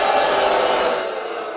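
A large audience at the Ed Sullivan Theater in New York boos during the final broadcast of The Late Show, in a dense, sustained roar of many voices, loud and steady throughout, easing off only slightly toward the end. No individual speech stands out.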